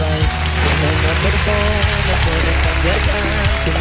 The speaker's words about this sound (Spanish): Muchos aplausos, muchas ovaciones.